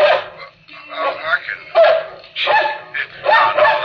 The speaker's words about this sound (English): That's all right, doggy. You bark as much as you want. Oh, how I wish I could get mad. In the old days, I'd have gone up that dog and told him to shut up, and that'd have been that, but no more.